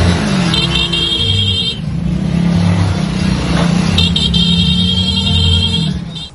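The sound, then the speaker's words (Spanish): A steady, loud rumble of motorcycle engines rolling past together in a funeral procession through the streets of northwestern Veracruz, with high whistling tones sounding in two stretches over the continuous drone; no one speaks. “Fue una comunidad que se detuvo, que tomó sus motos, que acompañó a un hombre hasta el final del camino.”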